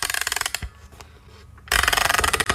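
A music box being wound up: rapid, evenly spaced ratcheting clicks in two loud bursts, separated by a brief quieter pause with faint mechanical creaks. No one speaks.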